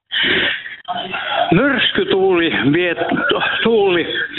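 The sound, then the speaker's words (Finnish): A loud radio plays steadily in the background, a voice talking through it with a thin, boxy, band-limited tone that fills the whole few seconds without pause. “sulla on tosi kovalla radio siellä taustalla, niin siirrytkö vähän kauemmaksi tai jos saa radiota vähän pienemmällä, niin ei lähde kiertämään.”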